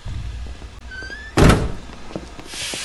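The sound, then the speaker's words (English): A train compartment door slides shut with one loud thud about halfway through as a person walks out of the car, preceded by a faint squeak and set against a low, steady rumble. “Draco stalks out of the car, shutting the door behind him.”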